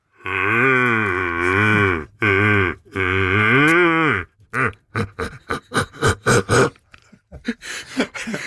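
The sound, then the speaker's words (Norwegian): A person imitates a red deer stag's roar, holding a hand over the mouth: three long, deep, droning bellows with a wavering pitch, then a quick run of short, loud grunting huffs. No talking. “la oss få høre lyden av hjort”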